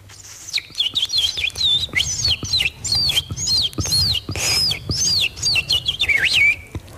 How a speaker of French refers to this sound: Pour moi, la mélancolie a un son d'oiseaux, des petits oiseaux qui chantent au loin dans une forêt.